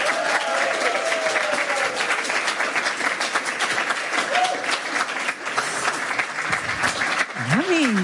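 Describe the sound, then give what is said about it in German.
A crowd applauds loudly and steadily to welcome a guest from Chicago Williams, dense clapping filling the whole stretch, with a few cheers and whoops rising above the noise. “In diesem Sinne begrüßen Sie mit einem frenetischen, von Herzen kommenden Applaus”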